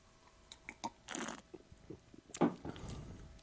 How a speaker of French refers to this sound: Donc, deuxième gorgée, un peu plus de fruits, un petit peu plus sucré, mais ça reste vraiment très surette.